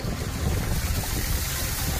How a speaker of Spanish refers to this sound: Es el sonido de los coches pasando por las calles anegadas de Orihuela.